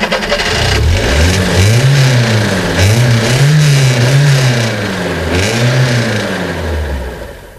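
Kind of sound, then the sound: vehicle, stuck car engine revving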